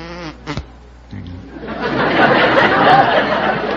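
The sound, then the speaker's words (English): A brief snatch of voice, then a person does a loud, sustained buzzing impression of a bumblebee that swells in and drones steadily to the end. “Yes, I can do a bumblebee.”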